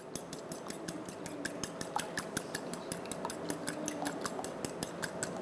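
A fork rapidly whisks two eggs in a bowl, producing a steady stream of quick, bright clicks and taps against the side, with a continuous wet sloshing underneath and no talking.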